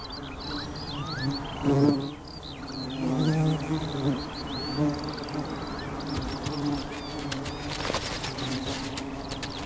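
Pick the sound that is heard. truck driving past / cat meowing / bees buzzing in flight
bees buzzing in flight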